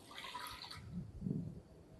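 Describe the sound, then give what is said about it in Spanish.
Half a cup of water is poured briefly into a cup while making an olive dressing, a soft splashing hiss lasting under a second, followed by a couple of low, muffled thumps. Quiet, with no talking. “Entonces, tengo media taza de agua.”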